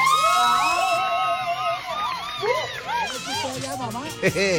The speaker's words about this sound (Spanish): ¡El aplauso para esta mamá!